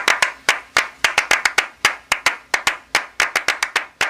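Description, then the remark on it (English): Three sharp hand-clap rhythms laid over each other in overlapping patterns, the clapping parts interlocking into a busy, slightly uneven groove. Bright, crisp and fairly loud, with no voices. “just layering claps over one over another and just saying, okay, that's a start to something”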